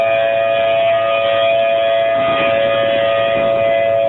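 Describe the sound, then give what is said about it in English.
A tornado civil defense siren in Oklahoma City, Oklahoma, sounds during its Saturday test, a loud, steady wail, its drawn-out tone holding constant over a low rumble of outdoor background noise with no voices. “Severe weather is the norm there, so the city's tornado sirens are tested every Saturday.”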